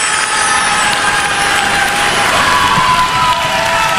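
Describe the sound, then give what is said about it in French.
A large audience at a beauty pageant on La Réunion applauds and cheers continuously as candidate number 2 is called, a dense, steady wash of clapping and shouting that fills the space at a loud, even level throughout. “Nous appelons tout de suite la candidate qui porte le numéro 2 sur vos applaudissements”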